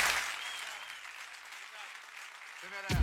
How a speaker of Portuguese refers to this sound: Uma salva de palmas.